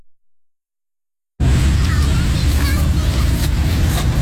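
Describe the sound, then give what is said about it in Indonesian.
After a second of silence, a loud, steady roar of cars and motorcycles on Jalan Jenderal Ahmad Yani in Jakarta rushes in, dense low rumble with engine whine and passing vehicles, continuous to the end. “Deru mobil dan sepeda motor di Jalan Jenderal Ahmad Yani tak mengalihkan perhatian para pemuda di Taman Linkin Park, Rawasari, Jakarta Pusat.”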